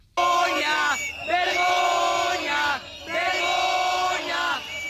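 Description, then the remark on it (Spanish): A crowd of protesters inside a regional government department shouts loudly in unison during a police charge and eviction, in two long sustained bursts of chanting yells with a brief dip between them, dense, with no clear speech. “Además, también hubo tensión dentro de la consellería con cargas y el desalojo de los concentrados que gritaban.”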